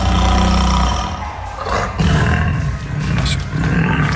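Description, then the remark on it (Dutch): A Bengal tiger lets out loud, deep roars with rumbling growls, powerful, rising and falling over a few seconds with no talking. “Dus mocht er een Bengaalse tijger luisteren”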